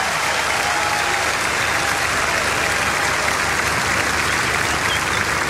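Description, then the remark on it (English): Steady, dense audience applause at a festival concert fills the whole stretch, a continuous wash of many hands clapping at an even loudness, with no voices standing out, as a bass guitarist is introduced. “Put your hands together for … right here.”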